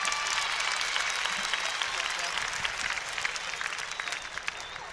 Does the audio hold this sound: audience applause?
yes